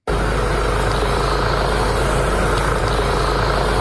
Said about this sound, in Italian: Berlino è in queste ore una città in stato d'assedio. Elicotteri sorvolano il centro della città e il grande parco del Tiergarten.